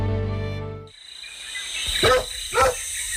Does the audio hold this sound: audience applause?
no